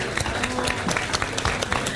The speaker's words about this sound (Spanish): Y yo les pido un aplauso para recibir a la campeona nacional del asado